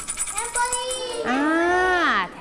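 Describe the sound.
Rapid metallic jingling of a tambourine rattles for about a second, then a voice takes over with a long, drawn-out sliding tone. A teacher shakes the tambourine as a rhythm signal for a children's morning movement exercise.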